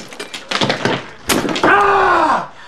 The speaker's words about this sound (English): He rummages about in the fridge freezer and takes out a large block of ice, which he hits with a hammer.